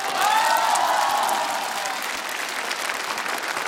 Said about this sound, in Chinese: 掌声送给内蒙古大学艺术学院马头琴乐团。